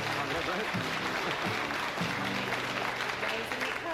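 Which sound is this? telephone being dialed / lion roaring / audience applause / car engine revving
audience applause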